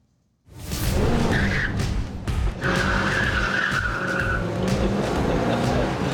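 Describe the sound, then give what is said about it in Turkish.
A Ranchero car's tires squeal and skid across a race track in two sustained, high-pitched screeches over a loud, rumbling engine roar that fills the whole clip, as the driver puts a foot on the gas pedal. “Bu araba resmen yolu kavruyor.”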